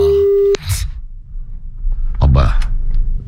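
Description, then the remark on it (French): A steady telephone ringing tone sounds clearly for about half a second, then cuts off, followed by background noise and brief bursts of voices. “Allez, faut que ça réponde, que je serre là, et après on passe”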